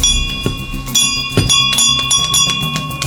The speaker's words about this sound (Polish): moim takim marzeniem było, aby ten dzwon zawisł właśnie na tym oddziale